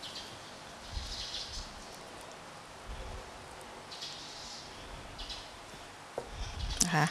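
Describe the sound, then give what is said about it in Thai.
Soft, wet scraping and squelching as a spoon works into a halved, ripe avocado to pry out the seed, with a few brief bursts and a slightly louder clink of metal near the end. No one speaks. “เตรียมก็คือผ่าอะโวคาโดออกครึ่งนึงเลยใช้ช้อนนะคะแกะเม็ดออกก่อน”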